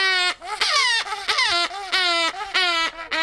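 A grey-cheeked hornbill in an aviary at Olomouc Zoo calls in a rapid series of loud, harmonic, nasal wails, each rising and falling in pitch, sounding strikingly like a crying baby, with no talking.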